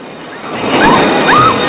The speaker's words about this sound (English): The back of Juan's truck is peppered with bullets. Zolo stands and takes aim. A fuel canister in the back of the truck explodes.